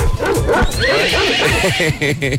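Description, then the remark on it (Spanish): A person imitates a horse's whinny, a loud, quavering vocal neigh with wobbling, falling pitch that shifts into a yappy, dog-like sound near the end. “Ey, maestro, ya de caballo pasa a perro.”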